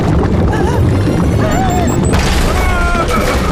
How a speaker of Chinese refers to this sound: 找到了， 你按照这个去准备这些材料，我来制造机器。 不好，要爆炸了！